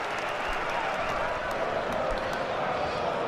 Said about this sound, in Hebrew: גרגוריץ' יוצא, קלייצ'יץ' נכנס במקומו, סשה קלייצ'יץ' שמקבל את מחיאות הכפיים מהקהל הביתי שלו, ונשימו את השאגה הגדולה מהיציעים.